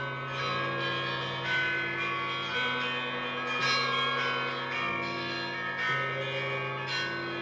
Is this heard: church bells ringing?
yes